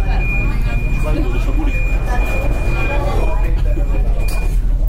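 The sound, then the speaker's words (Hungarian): Inside a crowded, stopped metro car waiting with its doors open, about to close: a steady, loud mechanical hum fills the space, with a constant high-pitched tone running throughout and passengers murmuring in the background. “Ez nyilvánvalóan azt mutatja, hogy túlságosan sűrű metró nem utazhatnak, mindjárt zárni fogják az ajtót.”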